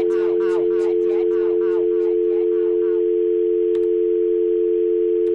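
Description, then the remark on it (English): A steady, unbroken telephone dial tone hums loudly for the whole stretch, with muffled chatter over it for the first few seconds before the tone carries on alone. “That guy, that dial tone caused such a mess in the restroom the last time he came in here.”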